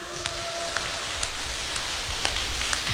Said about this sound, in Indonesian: Saya minta kita kasih tepuk tangan untuk kita semua.